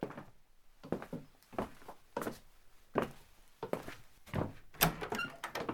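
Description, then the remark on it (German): A door to the back of a shop opens and swings shut, with a series of dull wooden thunks and knocks at irregular intervals, moderately loud, and no voices. “Lass uns mal durch die Tür da nach hinten in den Laden.”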